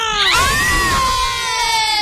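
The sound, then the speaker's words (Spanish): A group of children from Instituto Sonora let out one long, loud shout together in a radio booth, several high voices held for about two seconds. “Híjole, así grito. No se escuchó casi.”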